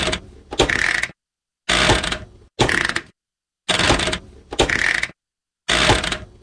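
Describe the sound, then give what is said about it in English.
A household washing machine's on-off switch clicks and clatters in six separate loud mechanical bursts, each followed by a short silence, recorded as raw material for music made from washing machine sounds. No one speaks. “The on-off switch.”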